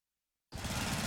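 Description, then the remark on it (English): A lawn mower engine roars to life after a brief silence, cutting in abruptly and holding a loud, steady, rough mechanical drone with no voices. “I'm just mowing the lawn.”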